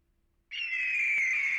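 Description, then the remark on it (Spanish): A single loud, shrill eagle scream bursts in after a brief silence and holds steady as a piercing, slightly falling whistle-like cry until the end, clear with no talking. “¿Era un águila o un halcón? Águila.”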